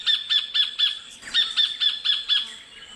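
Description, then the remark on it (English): A sacred kingfisher calls in a fast series of sharp, repeated notes, two runs of about five each with a brief pause between, loud with no other sounds. “That'd be definitely a kingfisher, probably a sacred kingfisher.”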